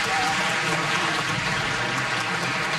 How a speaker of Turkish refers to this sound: Efendim koromuzu ve şefimiz Soner Özbilen'i bir kez daha alkışlıyoruz.